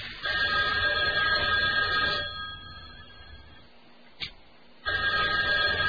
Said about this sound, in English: You got a phone ring?